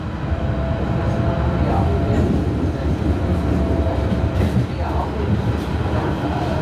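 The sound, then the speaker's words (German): Steady rumble of an S3 S-Bahn commuter train in motion to Halle an der Saale, heard from inside the carriage, with continuous low-frequency roar and faint rattling, and soft indistinct voices murmuring underneath. “Wir steigen aus der S3 nach Halle an der Saale aus und nehmen die Straßenbahn zur Peisnitzinsel.”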